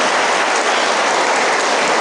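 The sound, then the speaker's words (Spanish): An audience claps loudly and steadily, a dense, unbroken wash of many hands that holds at an even level throughout, with no voices over it, applauding those who hand over and those who receive the vocational cross. “Quienes la entregan y quienes la reciben, pues vamos a darles un fuerte aplauso a quienes van a entregar la cruz vocacional y a quienes los van a recibir.”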